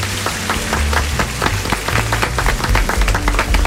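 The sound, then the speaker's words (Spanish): An audience applauds steadily for several seconds for the invited guests, a rock band, on a programme: a dense and loud patter of many hands clapping, with a low droning musical bass running underneath. “Un fuerte aplauso para nuestros invitados.”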